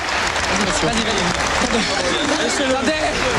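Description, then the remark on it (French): A large tennis stadium crowd roars and cheers loudly and continuously as it overwhelms security and invades the court, clapping and shouting voices blending into a dense wall of noise that never lets up. “Les pleurs, la joie, l'ivresse, le service d'ordre est dépassé et la foule envahit le cours.”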